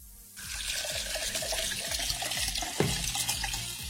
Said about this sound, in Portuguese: Ah, sabe que eu lembrei agora desse barulho de água? Tem eu tomei uma água num filtro, rapaz.